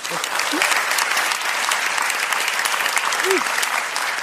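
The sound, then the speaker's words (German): A crowd applauds steadily throughout, a dense wash of clapping from many hands at a fairly loud, even level, with a couple of brief vocal whoops rising above it. “Bravo, das ist euer Applaus.”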